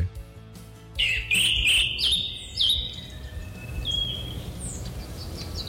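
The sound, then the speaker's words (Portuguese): Small birds chirp and sing in bright, rapid bursts, several calls overlapping over a steady low background hum, with fainter tweets trailing off after the first few seconds. “Vamos acordar, gente, os passarinhos que não devem nada pra ninguém já estão de pé cantando e pipiuando por aí.”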